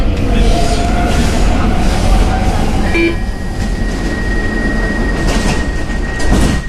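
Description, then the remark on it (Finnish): A loud, steady rumble of a Stockholm metro blue-line train in motion toward Hjulsta, heading to the Rinkeby suburb, with rattling carriage noise, a brief tonal chime, and a sustained high whine from the wheels or motors. “Tukholman metron sininen linja kohti Juustaa vie Rinkkebyyhyn lähiöön”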